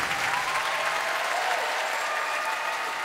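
A live concert audience claps steadily for the music just heard, a dense, even wash of applause that stays loud and sustained for a few seconds, with no one speaking over it.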